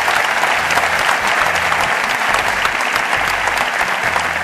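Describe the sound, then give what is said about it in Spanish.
Steady, loud applause from a sizable audience for the staff of the Spanish radio network Cadena SER, dense clapping sustained evenly throughout without pause, with no voices standing out over it. “Así que era un fuerte aplauso para todos estos compañeros de la SER.”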